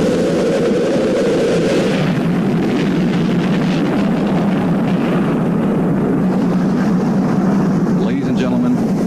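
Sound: rocket launch engine roar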